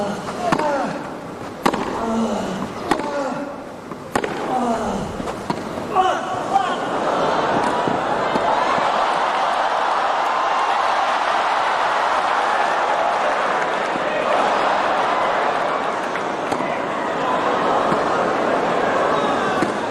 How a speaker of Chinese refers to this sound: 这一分值得全场观众起立鼓掌，啊，我们看确实有不少观众在现场已经站起来了，为两位球员精彩的表现鼓掌。